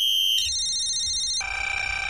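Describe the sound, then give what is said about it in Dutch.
A bright electronic alarm ringtone used for a call-in contest on the Dutch radio show Menno in de Middag plays alone, loud, its sustained synthetic tones stepping to a new pitch twice in quick succession, the last note warbling slightly. “Want tussen 12 en 2, morgen, de donderdageditie van Menno in de Middag, kan jij dit alarm voorbij horen komen.”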